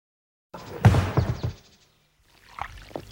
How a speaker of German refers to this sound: Die Sonne blinzelt den Schafen zu. Und die Schafe blöken zufrieden und sind voller Dank.